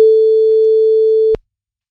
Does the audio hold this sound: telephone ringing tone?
yes